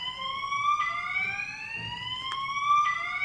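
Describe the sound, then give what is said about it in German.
A steady electronic alarm tone with several stacked harmonics rises slowly in pitch, sounding continuously and moderately loud, coming in through a window from outside, with brief clicks interrupting it. “Interessant, das war ein Alarm, der zum Fenster reinkam.”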